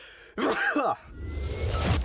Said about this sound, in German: Oh, ich muss niesen.